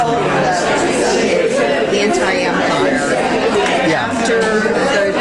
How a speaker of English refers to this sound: Man, there's so much crowd noise, it's hard to pick it out. Is that after coffee and donuts with the preacher after church?